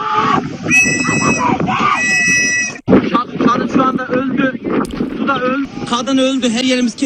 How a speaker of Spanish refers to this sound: Así grababa uno de ellos a los que esperaban el rescate en un lateral del barco mientras una mujer grita por los que se están ahogando.